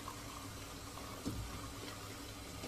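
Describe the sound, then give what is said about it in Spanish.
Coffee pours steadily from a coffee pot into a cup at a stove, a continuous trickle with a couple of soft clinks partway through and near the end. “Extrae la cafetera de una tetera y lo sirve en una taza que ubica con su mano izquierda.”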